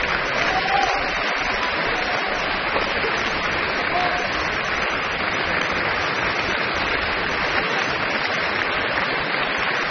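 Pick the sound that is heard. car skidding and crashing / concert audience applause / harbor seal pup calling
concert audience applause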